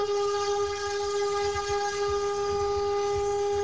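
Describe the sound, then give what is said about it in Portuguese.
A loud truck horn blares on a highway in one long, unbroken blast, holding a steady, brassy tone for several seconds with a low rumble beneath it and no voices. “Sobrou ninguém na frente dele depois dessa buzinada aí.”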